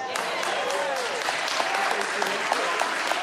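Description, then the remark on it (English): A crowd applauds steadily, a dense wash of many hands clapping at once, sustained at an even level throughout with faint voices mixed underneath. “Oh, I got, let's see how good you clap now.”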